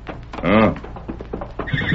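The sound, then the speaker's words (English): A horse gives a loud whinny with a wavering, descending pitch, followed by fainter shuffling and a few soft thuds like hooves settling. “Did you hear that horse, Kima?”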